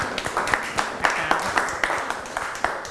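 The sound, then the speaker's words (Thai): A whole classroom of children clapping for themselves together, a dense, continuous patter of hands with sharper accents falling in a loose, steady rhythm throughout the three seconds. “ลงมือปฏิบัติตามขั้นตอนที่เราวางแผนไว้ใช่ไหมลูกเก่งมากปรบมือให้ตัวเองทั้งห้องเลย”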